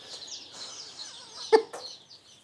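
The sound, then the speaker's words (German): A crowd of hen and rooster chicks cheeping in a pen while they are sorted, their thin, high peeps overlapping into a steady chatter, with a couple of sharper, louder chirps near the end. “Alle anderen Küken kommen morgen zu einem großen Biohof nach Usedom.”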